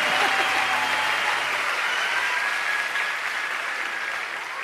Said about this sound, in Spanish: Gracias por esos tres aplausos que me dieron. Dios los bendiga a esos tres hermanos que la escucharon.